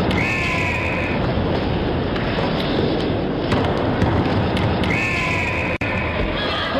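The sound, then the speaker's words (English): A referee's Fox 40 whistle, made by Foxcroft International of Hamilton, Ontario, gives two shrill, steady blasts, each about a second long, cutting through the loud, continuous roar of a large crowd. “The Fox 40 whistle.”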